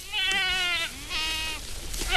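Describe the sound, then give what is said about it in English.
Several goats grazing in a field of brush just north of Auburn in the Sierra Nevada foothills, under the hot afternoon sun, bleat in close succession, their wavering, harmonic cries overlapping at moderate loudness, with a third call starting just as the sound ends. “In a field of brush just north of Auburn in the Sierra Nevada foothills, a bunch of goats are grazing under the hot afternoon sun.”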